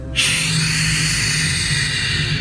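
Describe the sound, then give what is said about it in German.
A voice imitates ocean waves as a gentle sleep sound, with one long, steady breathy whoosh, a bright hissing rush that holds at an even loudness for about two seconds, with no speech. “Sch, wenn du möchtest, kann ich auch Wellen nachmachen.”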